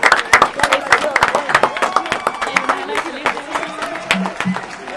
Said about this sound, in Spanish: Bueno, nos despedimos con un fuerte, fuerte aplauso y gracias.